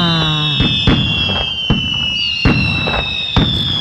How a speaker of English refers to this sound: Ah. Yeah, that's just fireworks, you know, nonstop right there.